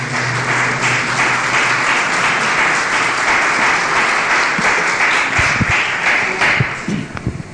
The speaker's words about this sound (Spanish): Den un aplauso fuerte a Jesús, por favor.